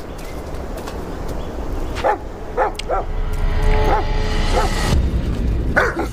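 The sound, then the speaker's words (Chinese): A dog suddenly rushes out and barks in a quick series of sharp woofs, pausing and then barking again, over a steady rumbling outdoor background, scaring away Halftail. “一只狗突然冲出，把半尾吓走。”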